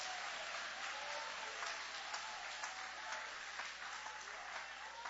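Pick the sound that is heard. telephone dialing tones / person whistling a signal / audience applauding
audience applauding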